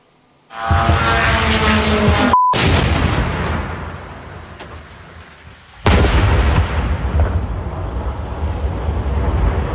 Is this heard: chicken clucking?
no